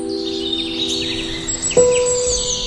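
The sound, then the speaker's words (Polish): Several birds chirp and twitter in quick, overlapping calls in a wild, overgrown urban green area in Warsaw's Żoliborz district, over a steady low hum and background murmur, with a sustained tone that enters near the end. “O przetrwanie ptasiego zakątka walczą mieszkańcy stołecznego Żoliborza”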